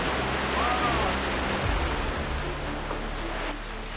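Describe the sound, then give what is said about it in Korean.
A mountain valley stream rushes loudly beneath a bridge, directly underfoot as someone crosses it, a steady, continuous roar of churning water that fills the whole moment without pause. No one speaks. “이 물소리 들리시죠? 발 아래로 계곡물이 세차게 흐릅니다.”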